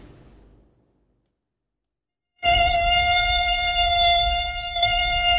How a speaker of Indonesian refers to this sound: Pernahkah tidak? Kau sedang tidur nyenyak dan tiba-tiba kau terbangun karena dengungan nyamuk di kupu telinga. Rasanya menyebalkan tuh. Tapi kau juga harus tahu mengapa nyamuk mengeluarkan suara dengungan.